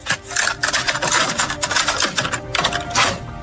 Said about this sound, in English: Like, Ray, what is it? Cassette tape.